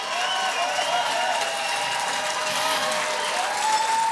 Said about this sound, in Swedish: Stående ovationer från publiken i Årskogens Folkets Park.